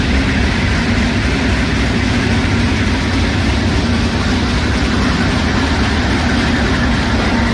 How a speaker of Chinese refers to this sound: 现在是上午的8点半，我现在是在宜昌北站的站台上。那在我身后呢，宜兴高铁的首趟综合检测车呢即将驶出站台，这也标志着宜兴高铁正式启动了联调联试工作。